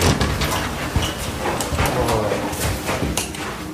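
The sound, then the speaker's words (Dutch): The door to one of the rooms is opened after walking through a corridor, amid steady rustling and shuffling movement, with a few soft knocks and thuds scattered across the few seconds and faint voices in the background. “We lopen naar een van de kamers toe, door de gang heen, de deur open.”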